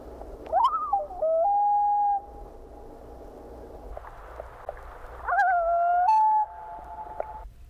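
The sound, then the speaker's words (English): Two tremolo-wail combined calls from a loon, each a quick rising quavering tremolo flowing into a long, steady, mournful wail, loud against a soft background hiss with a pause between them. “Here are two tremolo-wail combined calls.”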